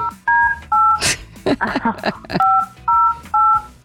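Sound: telephone keypad dialing tones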